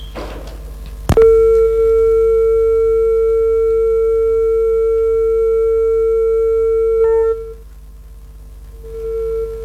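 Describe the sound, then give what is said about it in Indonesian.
A loud, steady telephone line tone as the next phone call is taken starts abruptly and holds unbroken for about six seconds before cutting off, then returns faintly and briefly near the end. No one speaks. “Baik, kita akan menerima telepon berikut ini.”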